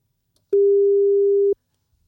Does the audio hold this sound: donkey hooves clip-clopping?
no